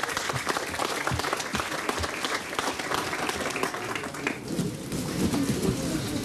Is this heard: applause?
yes